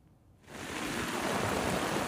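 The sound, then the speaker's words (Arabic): Dense, steady hiss of heavy rain from a rainstorm pouring down at the fish market in Latakia, Syria, swelling quickly after a quiet first half-second and then holding at a loud, constant roar with no voices. “ما شاء الله لا قوة إلا بالله، الأمطار ما عم تهدى باللاذقية، ونحن هون بسوق السمك عم نعاني من قصة الصرف المطري.”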